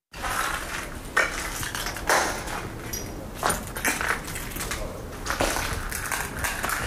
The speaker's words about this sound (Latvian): Šāda stikla lausku gurkstēšana zem kājām pavadīk uz soļa, ejot cauri biedrības tavi draugi ugunsgrēka izpostītajai jēkai.